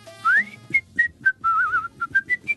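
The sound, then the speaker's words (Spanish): Someone whistles a short, lively tune close by: a rising swoop, then a string of quick bright notes with one warbling, trilled note in the middle, and no talking. “Dice, empieza a silbar y se va la pieza.”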